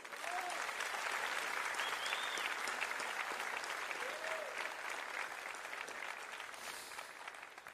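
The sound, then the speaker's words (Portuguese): Sustained applause from a sizable audience for a band, steady and fairly loud for the whole stretch, with a few faint whoops rising above the clapping before it slightly thins at the end. “Os aplausos para a banda.”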